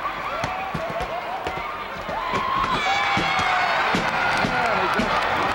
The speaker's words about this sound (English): He walks over and the crowd, well, sort of mixed. Some cheering and some booing. That's usually the way you find a wrestling crowd.